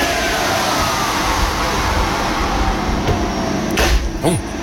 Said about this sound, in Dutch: Het opwarmen van de oven voor de worstenbroodjes. Ai, de worstenbroodjes, daar zijn ze weer. En wat een lawaai maakt die oven, zeg. Het is een flinke oven, volgens mij. Ja, volgens een industriële, zo klinkt het.